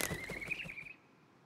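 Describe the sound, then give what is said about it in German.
A quick run of soft, rhythmic owl wing flaps, fairly loud, with a thin high whistling tone drawn over them, all ending abruptly within a second. “Das war nur eine Eule und Olivers Kuscheldecke.”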